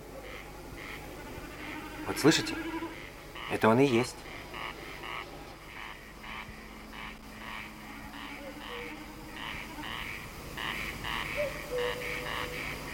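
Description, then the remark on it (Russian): Two short, wavering bleats of a common snipe drumming its tail feathers in flight at evening dusk over a meadow, a quavering, vibrating tremolo like a lamb's bleat, rising over a steady pulsing chorus of frogs or insects, with a man speaking briefly. “Наперебой кричат коростели, и время от времени, вибрируя перьями хвоста на лету, блеет барашком бекас.”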